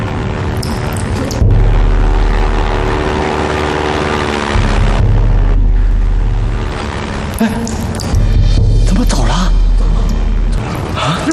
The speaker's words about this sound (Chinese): 有飞机，隐蔽。飞机，是飞机。来接弟兄们了， 胡老爷子真来接我们了。